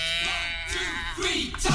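A goat bleats in a long, wavering, nasal cry that fills most of the moment, loud, with a brief second call rising at the end.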